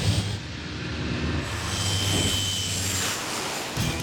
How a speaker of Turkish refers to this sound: Uçağın tekerleri zemine değiyor ve altındaki buzu eritiyor.